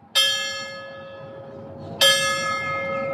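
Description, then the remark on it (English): Bells ring out on a humid September 11 morning in Charlotte County, at the 9/11 Memorial Stair Climb: two loud, resonant strikes about two seconds apart, each ringing out and slowly fading, with no talking. “On the humid morning of September 11, bells rang out.”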